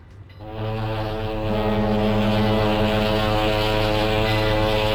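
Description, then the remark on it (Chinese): A passenger ship sailing from Shanghai to Hong Kong, slowly docking at the Hong Kong pier, sounds its horn in one long, loud, deep blast, swelling in after a brief moment and holding steady to the end, with no voices. “一声汽笛长鸣，从上海直达香港的客轮缓缓靠岸，原本清静的香港码头顿时热闹起来。”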